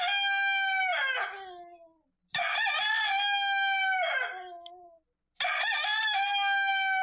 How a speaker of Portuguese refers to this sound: Olha a hora em Silvânia, agora 5:05 e o galinho do amigo Tizil vai cantar agora.